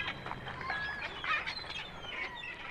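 A parrot squawks and chirps in a quick, uneven series of harsh, high calls, fairly quiet and heard alone with no talking.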